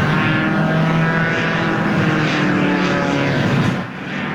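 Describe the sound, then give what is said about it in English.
A paramotor's propeller engine drones steadily overhead, a loud continuous buzzing whir that holds level for several seconds before easing off slightly at the end, with no voices; a pilot with a parachute and a giant fan strapped to his back flips and twirls in an aerial stunt around the CN Tower. “Equipped with a parachute and a giant fan strapped to his back, he flipped and twirled through the air”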